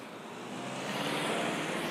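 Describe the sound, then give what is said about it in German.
A car on a village road, its engine and tire rumble swelling steadily, a broad whooshing roar rising over about two seconds as the vehicle approaches, with no voices over it. “Jetzt müssen wir nur gucken, wenn jetzt ein Auto kommt.”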